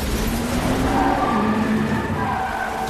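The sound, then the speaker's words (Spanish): A motorcycle carrying Natasha and Yelena roars loudly and steadily as it swerves into an alley when a van pulls out, while they are chased by an armored car. Its pitch wavers slightly as it speeds along, with a faint tire squeal mixed into the continuous noise and no voices. “Una furgoneta sale y Natasha y Yelena se desvían por un callejón.”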